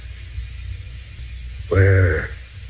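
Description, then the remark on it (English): A single short, voiced sneeze bursts out over a low background hum, loud, lasting about half a second before the quiet hum returns. “Bless you”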